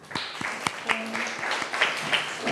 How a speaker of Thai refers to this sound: ห้องต้นทางกลุ่มที่3ใช่ไหมคะปรบมือให้กลุ่มที่3หน่อยค่ะ